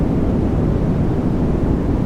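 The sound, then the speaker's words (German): A steady, unbroken wash of white noise played as a sleep aid, loud, with a deep, rumbling weight like the drone inside an airplane cabin. It holds constant throughout, with no voices or other sounds. “So, und neben Delta-Wellen wird im Netz auch noch das weiße Rauschen als Einschlafhilfe diskutiert, sogenanntes White Noise.”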